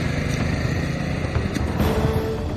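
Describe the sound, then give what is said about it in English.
A small moped engine drones steadily as a man rides away on it through fields, its rough buzzing motor holding a constant, slightly rattling note with no voices present. “Benny got on his moped and fled through the fields.”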